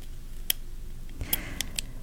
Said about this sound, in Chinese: 答案就是它是原子笔 ball pen 的声音齁。